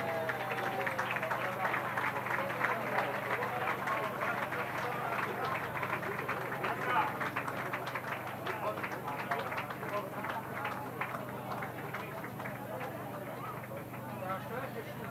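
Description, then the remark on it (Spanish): Sustained applause from an audience at a prize presentation to a carnival float group, a dense, steady patter of many hands clapping at even loudness for the whole stretch, with some voices mixed faintly underneath. “Fuerte el aplauso.”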